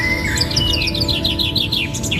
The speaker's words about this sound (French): Donc là vous avez tout loisir pour observer, écouter. Donc le chant des oiseaux.